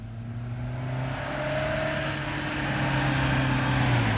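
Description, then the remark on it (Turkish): A car engine hums steadily and grows slightly louder over a few seconds, its low droning tone rising a little as the vehicle draws closer. No one speaks. “Araba geldi”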